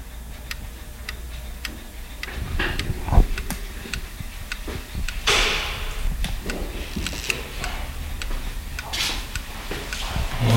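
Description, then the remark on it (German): Clocks at a clockmaker's tick steadily and crisply, with several overlapping rhythms. Occasional low thuds and rumbles sit beneath the ticking, and no one speaks. “Das ist eine Hassuhr. Eine Hassuhr? Ja. Hassuhr ist zum Beispiel eine Kuckucksuhr.”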